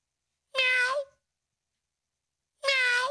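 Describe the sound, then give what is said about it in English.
Two drawn-out meows separated by a pause of about a second and a half, voiced by a person imitating a cat, fairly loud with silence between them. “Then I'm hearing this. Meow, meow, meow.”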